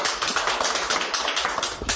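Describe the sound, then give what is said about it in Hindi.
A group of people clap together in a dense, steady patter of sharp slaps that carries on for the full two seconds at a fairly strong level, with no talking over it. “ताली बजा भाई।”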